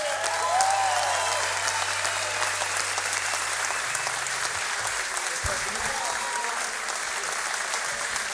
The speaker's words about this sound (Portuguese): Uma grande salva de palmas